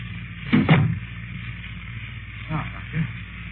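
household object, door being closed

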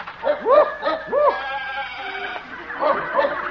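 animal, farm animals bleating

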